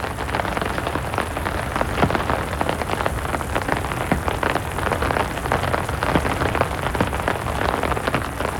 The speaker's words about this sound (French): Oh, sa tambourine n'est pas pareille. Oh, elles sont fortes, ces gouttes d'eau. Tout ensemble, elles font un bruit, un gros bruit.